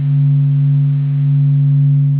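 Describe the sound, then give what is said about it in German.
A steady, continuous low hum of the Sun's oscillations, recorded by telescopes and made audible, made of a few sustained pure tones, strongest around a deep fundamental with fainter overtones, holding at an even, fairly loud level without speech. “Diese Veränderungen können Teleskope am Boden oder an Bord von Raumsonden aufzeichnen und sie können das Summen der Sonnenaktivität hinterher sogar wieder hörbar machen.”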